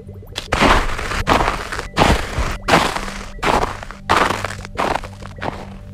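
Footsteps crunching through freshly fallen snow, about eight steady, evenly paced steps, each a loud, gritty crunch, with no talking.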